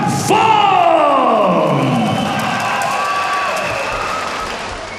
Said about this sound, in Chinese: 我们掌声送给